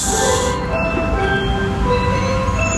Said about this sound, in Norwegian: På denne lyden og for denne bilen, isbilen skal legges på is, skal parkere sjappa si, for det ikke nok folk som kjøper is på isbilen lenger.